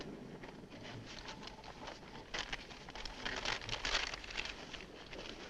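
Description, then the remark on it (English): Crisp paper crinkling and rustling as a large paper map is unfolded and spread out on a car hood, with a louder burst of crackling midway, fairly quiet. “Spread the map out on the hood.”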